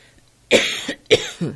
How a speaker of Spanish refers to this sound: Me vas a escuchar toser, así que ya te pedí permiso. Por favor, aguántame.